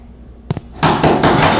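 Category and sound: household object, pounding on a door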